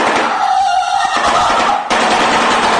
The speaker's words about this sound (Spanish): solo hay que ver algunas de las especies de aves hoy en día, como esta que me fascina, esto por el ruido que hacen en el pico.